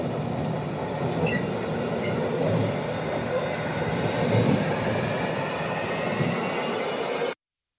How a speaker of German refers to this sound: Hört ihr das? Ich fahre Güterzug. Davon habe ich ja schon immer geträumt.